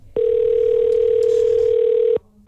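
A telephone ringback tone on an outgoing call to a radio contest winner: one steady, loud electronic hum that holds for about two seconds, then cuts off abruptly. No one speaks.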